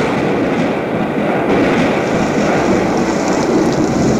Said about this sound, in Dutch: En dat begint met onweer, maar ik moet eerlijk toegeven. In die jaren, 1969, was het imiteren van onweer en dat soort dingen in de studio. Ja, dat stond toch nog in zijn kinderschoenen. Hè? Luister goed.